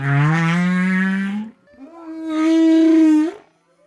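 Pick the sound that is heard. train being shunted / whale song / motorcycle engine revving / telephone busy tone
whale song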